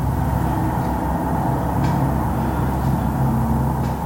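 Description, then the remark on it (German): Steady, dense traffic on a four-lane main road, heard from an apartment on that road, with a constant low rumble of engines and tires, a continuous wash of passing cars and heavier vehicles, and occasional faint hissing brakes. “Sie lebt an einer vierspurigen Hauptstraße und erzählt, der Verkehrslärm ist in den vergangenen Jahren immer schlimmer geworden.”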